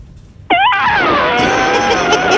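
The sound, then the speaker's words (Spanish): A person loudly imitates an elephant trumpeting with their voice, a sudden shrill blast that rises sharply and then holds as a long, strained, brassy wail for about two seconds. “El mejor mío es el elefante. A ver. Mira, va el elefante.”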